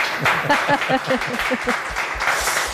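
Steady applause from an audience for Gilles Roussel, known as Boulet, guest of honour at the comics festival in Delémont, Switzerland, a dense continuous patter of many hands clapping, with a voice briefly audible underneath.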